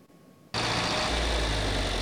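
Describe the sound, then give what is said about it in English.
After a half-second of near silence, a loud engine rumble kicks in abruptly and holds steady, a deep low-end drone of John Deere tractor engines from a family tractor collection in Northeast Nebraska, with no talking. “The rumble of these John Deere tractors is more than the sound of an engine.”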